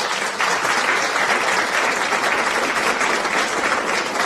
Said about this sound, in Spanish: ¡Llegó el ganador! ¡Aplausos! ¡Aplausos! ¿Dónde están los aplausos? ¿Se me fueron los aplausos?